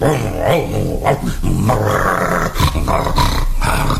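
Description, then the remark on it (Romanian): A dog called Signor Mastino snores loudly while sleeping stretched out at full length. The snores come in deep, rumbling, growl-like rasps that run on almost without pause for several seconds, with no talking over them. “S-a întins cât e de lung și sforă e.”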